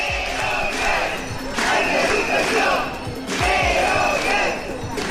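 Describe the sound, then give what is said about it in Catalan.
About 200 infant-education nursery school workers, gathered at the doors of the Parliament during a 24-hour strike, chant in loud, rhythmic bursts, their voices rising together roughly every couple of seconds, with a steady murmur of crowd noise between each shouted phrase. “És una de les imatges del dia, del so del dia, la de prop de 200 treballadores de les escoletes d'educació infantil concentrades a les portes del Parlament.”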